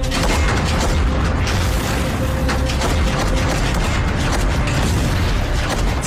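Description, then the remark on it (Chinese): A massed heavy artillery barrage of over 500 large-calibre guns in the one-hour preparatory bombardment for the assault on Tianjin: a continuous, loud roar of overlapping booms and blasts with deep rumbling underneath and sharp bursts cutting through, sustained without pause and with no voices. “1小时的炮火准备内，500多门大口径火炮一起怒吼”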